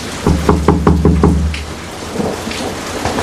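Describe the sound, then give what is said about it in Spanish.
Thunderstorm with a loud rumble of thunder rolling in pulsing bursts, then easing off into a steady hiss of heavy rain. No voices. “Uy, qué tormenta, Viper.”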